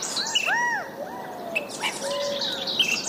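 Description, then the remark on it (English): California quail calling outdoors, a few clear arched call notes repeating at moderate volume, with higher bird chirps and tweets scattered in the background and no voices. “The California quail is our state bird.”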